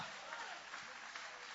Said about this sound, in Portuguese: Vocês podem aplaudir o nome de Jesus com alegria.